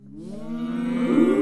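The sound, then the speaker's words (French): A single long cow moo, low and droning, swelling louder toward the end, with no talking over it, as the cows are about to be fed. “Allez, maintenant on va nourrir les vaches.”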